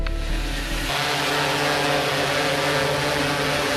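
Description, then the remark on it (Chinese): A steady, loud drone buzzes continuously as it flies up an apartment building checking for open windows, its rotor whine holding several steady tones over a broad hiss, with a deeper rumble at the start before it settles. No one speaks. “带着无人机来一趟。”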